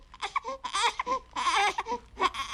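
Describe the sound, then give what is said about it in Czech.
A baby that has just been woken fusses and babbles in short, uneven bursts of high-pitched vocalizing, with brief whimpering tones mixed in, fairly clear, no adult speech. “Právě jste probudil naše mimi.”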